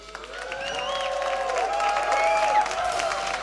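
An audience applauds steadily for a trumpet player, the clapping building in volume, while a few sustained, bright instrumental notes ring out over the crowd noise.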